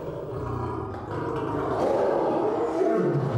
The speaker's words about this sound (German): Ihre einzige Ausrüstung, der berüchtigte dunkelgraue Spritzenkoffer. Das bringt die Löwen mächtig in Wallung.